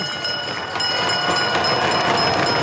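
A bell rings rapidly and without pause to signal the last lap of a race circuit, its bright metallic tones sustained over a loud, steady roar of crowd noise at the finish line throughout.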